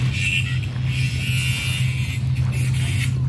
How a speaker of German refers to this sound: Dieses Schleifgeräusch, gehört das zum Sound? Ach nein, das ist der Gärtner mit der Flex.